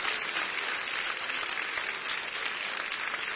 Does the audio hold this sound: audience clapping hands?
yes